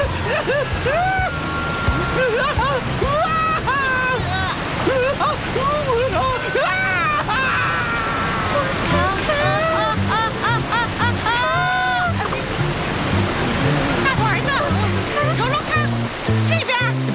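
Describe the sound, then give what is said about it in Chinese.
The Chishui Grand Waterfall roars with a steady, continuous rush through the whole clip, mostly under excited, animated voices and shouts. “前面是赤水大瀑布。”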